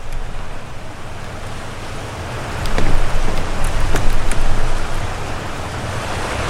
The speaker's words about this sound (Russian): Мне уже страшно, что ж будет? Мне уже страшно от этого звука воды.